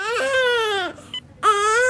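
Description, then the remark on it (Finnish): A newborn baby cries loudly, two long, high wailing bursts separated by a brief catch of breath, with no other voices. “Siinä se nyt on. Meidän oma vauva.”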